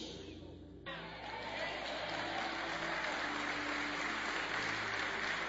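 A crowd bursts into sustained applause, dense and steady clapping after a brief lead-in, continuing evenly to the end, applauding the Lord.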